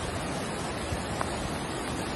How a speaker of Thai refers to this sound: เย็นเมื่อวานนี้ครับในพื้นที่ท่าตะเกียบมีฝนตกหนักลงมาทำให้เกิดน้ำป่าหลากลงมาซ้ำอีกครับ